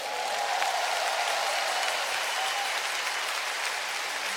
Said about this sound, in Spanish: Ahora dale un aplauso a Cristo.